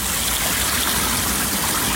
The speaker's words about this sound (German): Ja, vielleicht könnt ihr es schon hören, das Wasser plätschern, denn es ist wieder soweit, das Dalle hat wieder geöffnet und tatsächlich, die Ersten ziehen auch schon ganz fleißig ihre Bahnen.